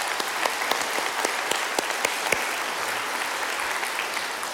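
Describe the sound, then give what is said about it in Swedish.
Steady audience applause at a conference, a dense wash of many hands clapping with a few sharper individual claps standing out, holding an even loudness for several seconds with no talking over it. “Så det är verkligen applåd tycker jag.”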